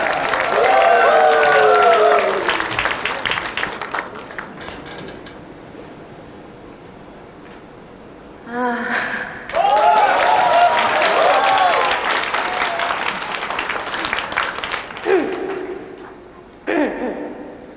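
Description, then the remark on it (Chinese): Two loud bursts of audience applause mixed with high whoops and cheers for a young woman who volunteered to come on stage. Each dies down to a quieter stretch before the next swell, and it ends with brief fainter clapping. “再次以掌声送给这位勇敢美丽的小姐姐。”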